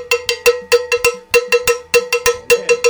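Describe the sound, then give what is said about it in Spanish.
A cowbell is struck over and over in a quick, syncopated rhythm, each hit a loud, bright metallic clank with a ringing mid-pitched tone, played alone with no voices. “Empecemos que el cencerro no se cogía así.”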